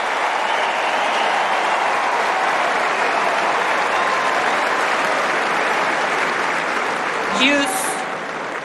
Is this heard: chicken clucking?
no